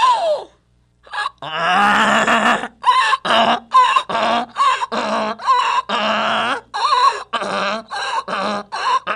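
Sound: donkey braying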